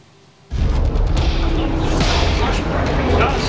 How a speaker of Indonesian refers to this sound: Kepulan asap tebal membubung tinggi setelah serentetan ledakan hebat mengguncang wilayah Lebanon Selatan pada Rabu waktu setempat. Kamera wartawan merekam detik-detik serangan udara yang menghantam permukiman diiringi suara ledakan yang memecahkan